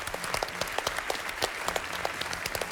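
An audience claps steadily, many hands producing a dense, crackling patter of sharp claps at a moderate level, with no voices standing out.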